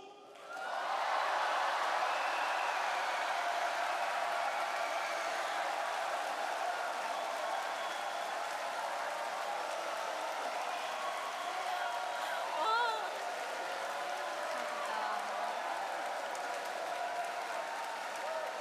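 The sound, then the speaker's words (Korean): A large crowd at Jinnam Indoor Gymnasium in Yeosu, South Korea, cheers and applauds loudly and continuously, a dense wash of clapping and shouting echoing through the gymnasium for the whole stretch. “하나님을 사랑하는, 대한민국을 사랑하는 여수 진남실내체육관에서 모이신 여러분들 함성과 박수!”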